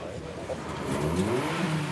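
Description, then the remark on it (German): A drag race car engine revs up loudly, its pitch climbing over about two seconds against a dense, steady background roar, as the first cars line up for an eighth-mile race. “Die ersten Wagen haben sich für das Ein-Achtel-Meile-Rennen eingereiht.”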